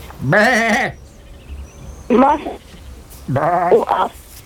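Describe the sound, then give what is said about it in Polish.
Three wavering sheep bleats, loud, sounding one after another with short pauses between them; the last call is longer and breaks into two parts. “U owcy, tak.”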